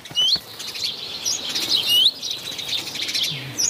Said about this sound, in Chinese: 雀鹰站在屋顶上观察着周围的动静，一只赭红尾鸲发现了它，随即发出警报。